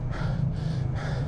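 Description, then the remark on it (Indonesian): A deep, drawn-out inhale through the mouth, with airy breath noise swelling in a few pulses over a low steady hum, no talking. “Nih, kita narik nafas nih.”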